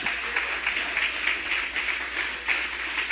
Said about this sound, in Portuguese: Quem pode aplaudir Jesus nesta manhã também?